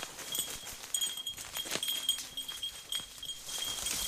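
A small bell on the collar of Wheeler, a working dog searching the landscape for evidence of a calf, gives light, irregular high-pitched jingles that slow as he lowers his head to sniff something, with soft snuffling, snorting and rustling. No one speaks.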